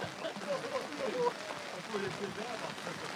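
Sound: rain falling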